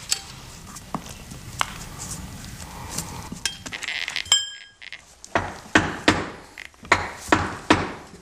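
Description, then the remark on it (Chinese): Hammer blows strike brick as archaeologists from the Shaanxi History Museum dismantle a brick wall on the west side of a tomb chamber, scattered and sharp at first, then settling into a steady rhythm of loud knocks with a brief metallic clink in between. No one speaks. “来自陕西历史博物馆的考古队员拆除了位于墓室西壁的砖墙”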